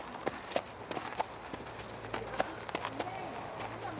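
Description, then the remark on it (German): Hooves of racehorses being led at a walk to stretch their legs after a long journey, six hours before a race at the Harzburg gallop races, a steady, slightly uneven clip-clop of sharp strikes, with muffled voices and a low hum in the background. “Beine vertreten und entspannen nach der langen Fahrt. Noch 6 Stunden bis zum Rennen. Genau. Da führen sie die immer hoch zur Rennbahn nachher.”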